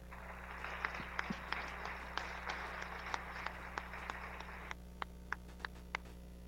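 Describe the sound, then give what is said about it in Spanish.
An audience at a San Martín town council speech applauds for several seconds, a fairly faint, steady wash of clapping that thins out into a few scattered individual claps before stopping. No one speaks. “que por cierto, hoy se encuentran aquí con nosotros presentes y para los cuales pido un fuerte aplauso.”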